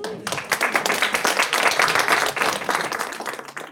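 A crowd at a library event applauds steadily, many hands clapping in a dense, sustained wash that swells and holds for a few seconds before beginning to taper off near the end.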